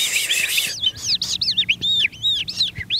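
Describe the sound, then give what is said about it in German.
An animal voice imitator whistles a convincing skylark song with the mouth: a continuous, rapid stream of high warbling trills and chirps, fairly loud, with no talking. “Zum Beispiel diese Feldlerche hier stammt aus dem Mund von einem Tierstimmenimitator. Das macht jemand nach, mit dem Mund.”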